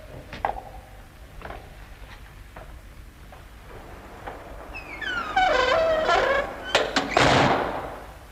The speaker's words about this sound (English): I will bolt the door.